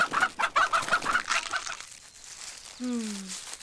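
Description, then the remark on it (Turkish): Chickens cluck in a quick, busy series of short bursts that fade after a second or two, followed by a brief, drawn-out tonal call. “Ya tavuklarımızı yerse?”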